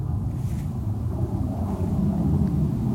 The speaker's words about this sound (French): Là, hormis le passage des avions, on n'entend vraiment rien.